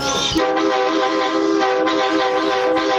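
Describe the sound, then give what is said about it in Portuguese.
A car horn honked for the Band Coruja radio program blares in one long, unbroken honk lasting a few seconds, loud and harsh-toned, holding steady without pauses and with no voices over it. “Nossa, que buzina feia, mano.”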